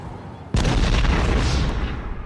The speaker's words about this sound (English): Oh no, oh crud. I think my car just exploded.